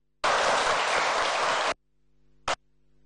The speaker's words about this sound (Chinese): 两位老师。掌声欢迎。